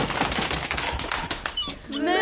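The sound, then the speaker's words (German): Gull calls ring out over a busy, noisy background, with a thin high cry sliding through the middle and a harsher, squawking call at the end. “Welchen Vogel sucht unsere Mausklasse? Ich denke, es ist die Möwe.”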